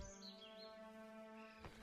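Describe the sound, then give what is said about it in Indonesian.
Bright, quick sparrow chirps flit high above a steady humming musical drone, with a couple of sharper clicks near the end and no talking. “Itu dia burung pipitnya.”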